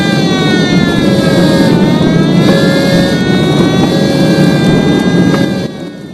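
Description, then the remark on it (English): Loud, steady roar of engines from emergency vehicles speeding past as they race out to a burning bomber plane, with a short repeating tone sounding every second or so over the rumble. No one speaks. “Sickened, the young men cast down their eyes as emergency vehicles race out to the burning plane.”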